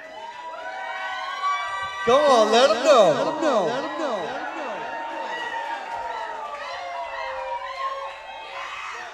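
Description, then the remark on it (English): A concert crowd at a 2011 show screams and cheers loudly, with shrill rising and falling voices swelling in the middle, while a man on a microphone shouts over the noise. “You might have to let him go to the bathroom real quick or something, but then keep screaming, though.”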